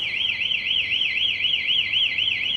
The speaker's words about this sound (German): Jedoch wird es erkannt, dass jemand versucht, das Kabel zu klauen. In diesem Fall löst die Säule Alarm aus, optisch und akustisch.